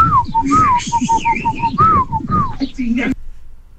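A person whistles a quick melodic call of several short notes that rise and fall, loud, calling someone to come back, with voices talking underneath before it cuts off abruptly.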